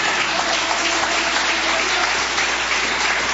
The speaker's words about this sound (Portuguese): Palmas que glorifica o nome do Senhor.